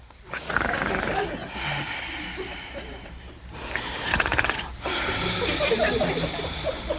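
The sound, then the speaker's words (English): A person mimics Adam snoring as he sleeps: several long, raspy, breathy snores in a slow rhythm, fairly loud, with short pauses between them and no talking. “And he was snoring.”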